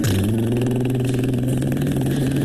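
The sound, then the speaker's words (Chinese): A voice imitates a motorcycle starting and revving as an assistant director rides off: a loud, buzzing engine-like drone that holds steady, dips slightly in pitch and never breaks. “副导演骑上了摩托车， 咔咔，砰，油，砰。”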